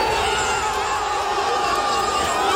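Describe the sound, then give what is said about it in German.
A large crowd of football fans cheers and shouts loudly as their team reaches the World Cup round of 16, a dense, continuous roar of many voices that stays steady and energetic throughout without any pause. “Großer Jubel bei den Fußballfans.”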